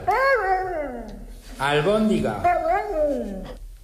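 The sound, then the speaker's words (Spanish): A dog answering its owner howls in two drawn-out, warbling phrases whose rising and falling pitch sounds almost like the spoken word "albóndiga" (meatball), clear with no one else talking. “Un perro que está contestando a su dueño. Dice albóndiga.”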